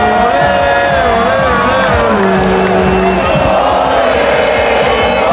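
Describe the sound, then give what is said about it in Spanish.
A huge crowd of millions of people of all ages roars and cheers outdoors for the passing La Roja team bus, with many voices singing and chanting together in a dense, continuous wall of sound, loud throughout. “Millones de personas que no pararon de cantar, de saltar, celebrando en familia, en pareja o con amigos, gente de todas las edades y con muchos mensajes y peticiones para la selección.”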